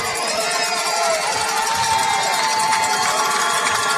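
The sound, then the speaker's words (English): A large crowd at a Friday night football game at the Corral in Onslow County, as the Stallions set to receive the kickoff, roars in a steady, dense wash of cheering and shouting voices, holding at an even, loud level for the full four seconds with no single voice standing out. “You hear the crowd coming to life there in the background.”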